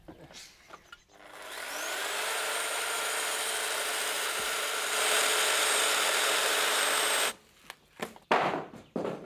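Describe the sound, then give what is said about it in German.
A power saw spins up and cuts steadily through wood for about six seconds, loud, its whine holding high before stopping abruptly, followed by a few knocks and handling noises, as a window opening is cut into wood. “Ein bisschen muss man sich dann schon konzentrieren und die Säge wegen festhalten.”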